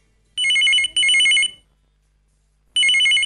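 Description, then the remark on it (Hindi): A telephone rings for the first incoming call to the Hello Aakashvani radio programme: two close trilling bursts, a pause of about a second, then a third burst begins. The ringing is loud and clear with no voices. “लेते हैं ये पहला फोन कॉल।”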